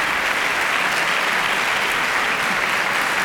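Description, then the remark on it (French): Warm, sustained applause from the audience in Studio 4 after a semi-finalist's performance of Anton Kraft's concerto, opus 4, with the Orchestre Royal de Chambre de Wallonie, a dense steady clatter of many hands clapping with no voices over it. “Il est très chaleureusement applaudi par le public de ce Studio 4 à Platon.”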